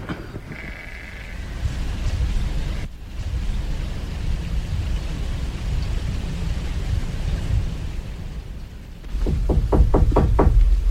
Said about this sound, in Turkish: Tekkeye de yağar bu yağmur değil mi anne?